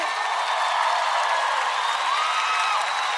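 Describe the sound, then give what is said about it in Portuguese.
A crowd applauds steadily with dense, continuous clapping, and a few faint high-pitched whistles or cheers ride on top throughout the roughly three seconds. “Palmas”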